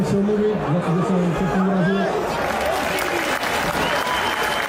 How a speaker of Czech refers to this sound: Sklidil nakonec Jurásek od příznivců Sparty potlesk